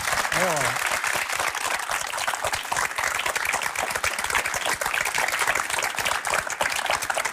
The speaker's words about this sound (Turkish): Mesela buradaki bu alkışlar, bu takdir çok güzel ama esas alkış nereden geliyor biliyor musunuz?